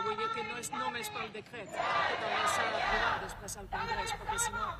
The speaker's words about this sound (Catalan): Sentim els crits mentre els companys periodistes pregunten al portaveu del sindicat de llogateres,